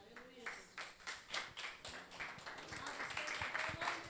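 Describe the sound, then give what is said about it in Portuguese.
A group claps in a steady rhythm, roughly two claps per second, as a church praise group begins, growing denser and louder toward the end while voices sing or call out underneath. “Aplauda mais forte, Jesus.”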